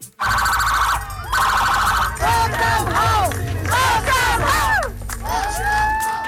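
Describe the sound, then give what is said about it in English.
A large crowd at a surprise homecoming celebration in Stratford, PEI, cheers and shouts continuously while loud sirens wail with rising and falling tones and steady horn blasts sound over the noise, all sustained for several seconds. “A surprise celebration in Stratford, PEI, where a big crowd turned out for an emotional homecoming.”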